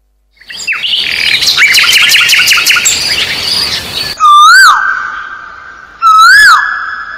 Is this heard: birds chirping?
yes